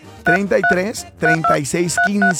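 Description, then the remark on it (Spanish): A quick run of about seven telephone keypad dialing tones, short bright beeps in an uneven rhythm, layered loudly over a melodic voice, on the La Qué Buena 97.1 radio broadcast. “¿Se registraron de manera correcta al WhatsApp? Marquen.”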